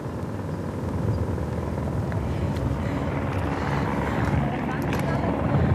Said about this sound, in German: Also, am Hubschrauber hängt jetzt wahrscheinlich ein Luftretter. Ja, ziemlich sicher ein Luftretter. Es hängt jemand dran. Ja, und wir sehen jetzt gerade, wie sie die Person ablassen.